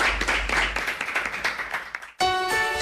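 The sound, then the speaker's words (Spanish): A crowd applauds to see off the end of a programme, with dense, steady clapping for about two seconds. The clapping then cuts off abruptly as a bright, sustained musical tone with clear harmonics begins. “Por favor, vamos a despedir este programa tan aeroespacial con otro aplauso, porque siguen aquí, gracias, y nos quedamos con otras noticias.”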